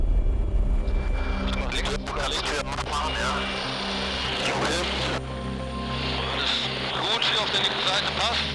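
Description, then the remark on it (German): A steady, loud aircraft engine drone fills the scene as the craft comes in on final approach near the ground, with a continuous low hum and people talking over the noise. “Du schaust natürlich immer gerade im Endanflug, wenn du so in Bodennähe kommst, was wirbelst du auf und was für Müll liegt da rum.”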